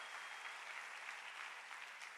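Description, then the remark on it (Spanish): An audience at a church service applauds God steadily, a dense wash of many hands clapping at once, sustained and even throughout with no voices standing out. “Si va a aplaudir al Rey, dele con ganas y grite un fuerte amén, por favor.”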